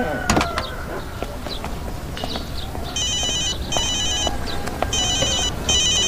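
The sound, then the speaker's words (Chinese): A phone rings with a bright electronic ringtone, repeating in four short pulsing bursts over steady background noise and scattered clatter, with no talking. “我接个电话，你先去。”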